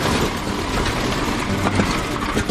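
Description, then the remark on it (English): The radial engine of a D21 aircraft runs loud in a dense, steady roar, with a few uneven banging knocks from one cylinder failing to fire properly while the fuel-air mixture is adjusted. No voices are heard. “The banging sound comes from one cylinder failing to fire properly.”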